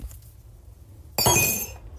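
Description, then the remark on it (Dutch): A teaspoon drops into a tea glass holding a little water, with a sharp, bright clink, then a brief ringing rattle that fades within about half a second. Only a low hum is heard before it. “Ik gooi mijn theelepeltje in mijn theeglas, waar ook een beetje water in zit.”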